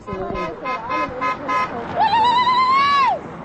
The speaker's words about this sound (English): Passing cars honk, waving arms from windows in solidarity.